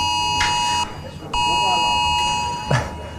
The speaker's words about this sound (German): Ja, wie geht das Ding wieder aus? Das haben sich viele gefragt, als das Smartphone das Signal gegeben hat. Oder in meinem Fall war dann auch noch eine Smartwatch dabei.